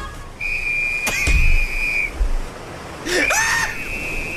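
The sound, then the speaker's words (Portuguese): A shrill life-jacket whistle blows one long steady blast, then a second blast a moment later, loud over a low background rumble. “O colete salva-vida, pega o apito!”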